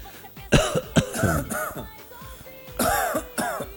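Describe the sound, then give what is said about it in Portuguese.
Several dry, hacking coughs come in quick bursts, fairly loud, with raspy throat-clearing tails between them and short pauses separating the clusters; a dry cough that scratches the throat. “Cara, é uma tosse seca, meu irmão.”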